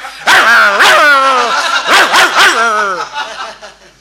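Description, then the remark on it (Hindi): A voice imitates a house dog barking near a stage: a run of loud, yelping barks in two quick clusters, each bark bending in pitch before trailing off, with no other talk. “अचानक घर का कुत्ता चैन तोड़ के स्टेज के करीब आ गया और शुरू हो गया।”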